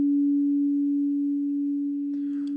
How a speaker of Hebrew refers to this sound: אגב, הצליל הטהור של 285 הרץ, נשמע כך, זה הגרסה המסונטזת שלו, הנקייה, 285 הרץ, זה צליל שיוצא בין רי לדו דיאז, ממש בין לבין.